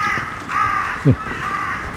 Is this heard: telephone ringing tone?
no